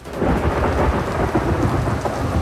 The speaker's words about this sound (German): Und dazu Erfrischung. Dieses Mal einen Regen.